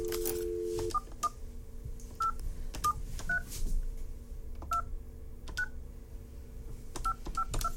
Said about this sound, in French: Alors, on va s'approcher du téléphone. Et on va tenter de rejoindre la personne gagnante.